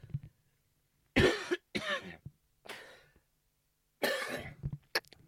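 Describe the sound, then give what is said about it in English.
Several harsh coughs come in two clusters: two or three quick bursts, a quieter one, then a pause before another strong cough and a short final hack, with no speech. “Just excuse me while I cough.”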